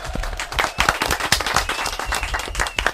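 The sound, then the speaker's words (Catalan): A small audience claps steadily for a few seconds, a dense run of sharp hand claps with no voices, sustained at even loudness throughout. “Molt bé, un aplaudiment, eh?”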